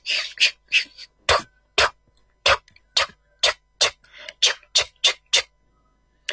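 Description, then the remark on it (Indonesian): Sharp, woody axe-chopping strikes land again and again at an uneven pace, some with a heavy thud, mixed with short rasping bursts of a wood saw, as the prophet Noah splits giant timber and followers build the ark on a hot day on a dry, sandy highland far from the sea. No one speaks. “Keesokan harinya, siang hari yang terik di sebuah dataran tinggi berpasir yang kering kerontang, sangat jauh dari laut, terdengar suara dentuman kapak dan gergaji kayu.”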